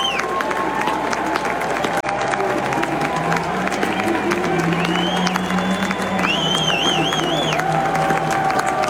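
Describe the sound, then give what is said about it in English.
A large baseball stadium crowd roars steadily as pitcher Jack Mahoney walks off during a pitching change in the top of the eighth, a dense wash of cheering and clapping with scattered whistles and shouts rising above it, loud and sustained throughout. “Listen to this crowd.”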